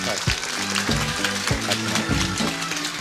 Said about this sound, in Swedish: Och en applåd för Pierre Isaksson, likaså. Välkommen.